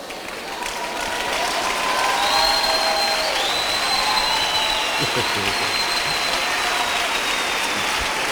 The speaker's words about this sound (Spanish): Gracias, gracias. El aplauso es para Él, porque tú estás aceptando el desafío, estás entendiendo.